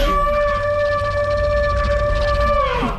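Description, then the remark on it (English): A deep, pitch-shifted sandhill crane call layered into a dinosaur cry: one long, steady, reedy tone with rich overtones over a low rumble, bending downward as it fades at the end. “We've got the sandhill crane, the bulga crane, pitch shifting it down, adding more layers to it, so it seems like it's not just, oh, we're listening to a small bird somewhere, but actually this, you can hear it being a much larger animal.”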